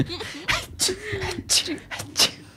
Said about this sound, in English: Kids rock up. Mom, did you sneeze all over the party?